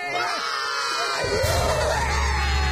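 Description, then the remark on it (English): A group of voices roars and cheers together to celebrate a victory after finishing building a fortress, a sustained, loud burst of whooping and shouting, rising and swelling for a few seconds with a deep rumble underneath. “But this is a victory. We need to roar.”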